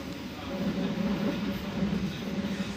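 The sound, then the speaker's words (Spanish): A steady low rumble of a train rolling along the tracks through vineyards and orchards, continuous, with a droning hum and no distinct clacks standing out. “El tren pasa por viñedos y huertos.”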